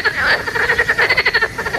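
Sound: frog croaking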